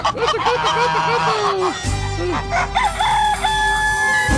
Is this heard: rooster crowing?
yes